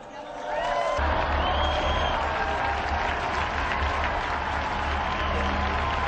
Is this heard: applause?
yes